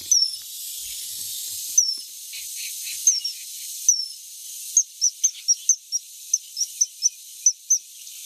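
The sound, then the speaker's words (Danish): A person imitates a great tit call, whistling a few scattered high chirps over a breathy hiss, then a quick, evenly spaced run of about ten short, bright peeps, fairly loud. “Jeg er virkelig dårlig til fuglelyd, men jeg har lige sat sådan et akrylfuglehus op på vores vindueslejlighed, så nu får vi meget besøg af musvitter.”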